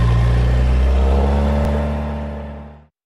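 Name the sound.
car engine revving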